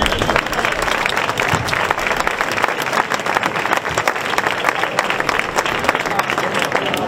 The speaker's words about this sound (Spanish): Vamos a un aplauso.